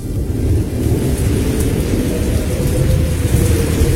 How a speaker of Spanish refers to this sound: Una fuerte tempestad. De esas tempestades que nosotros pasamos.